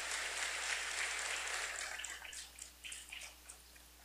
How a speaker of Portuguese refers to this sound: Nós agradecemos toda a equipe de liturgia, agradecemos o Ministério de Música, uma salva de palmas para incentivá-los.